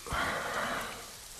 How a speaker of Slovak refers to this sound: Prší.